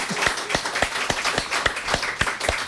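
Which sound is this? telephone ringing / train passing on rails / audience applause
audience applause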